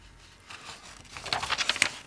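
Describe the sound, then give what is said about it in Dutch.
Paper pages rustle and crinkle, a soft shuffle at first building into a quick burst of crisp flips and crackles, with no voices. “je moet het begin is op de andere bladzijde.”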